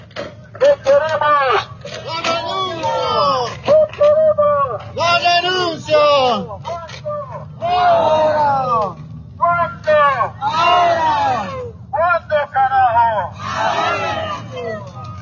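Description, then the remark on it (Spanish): A crowd of protesters shouts in loud, rhythmic bursts, voices rising and falling together in repeated chant-like waves with brief gaps between, over a steady low rumble. “De esta manera estamos escuchando igualmente los gritos de las compañeras y compañeros.”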